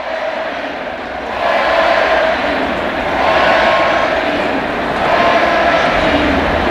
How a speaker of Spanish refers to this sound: Es la ovación de la noche para un Pedri que lleva ya con España 6 goles